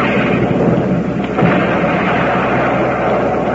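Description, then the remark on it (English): A loud cannon-like blast of Quaker Puffed Wheat and Puffed Rice grains being shot from guns, rolling on as a heavy, continuous rumble that swells briefly partway through; no voices are heard. “Yay, shot from guns to make them bigger and better.”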